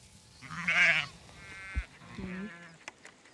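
sheep bleating

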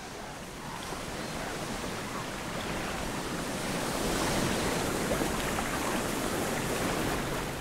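waves and wind

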